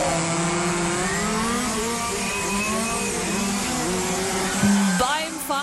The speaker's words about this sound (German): AMC Hamm wird von Freitag bis Sonntag nämlich die offene deutsche Meisterschaft 2026 ausgetragen. Heißt, ganz viele funkferngesteuerte Modellfahrzeuge treten da auf der Rennstrecke gegeneinander an.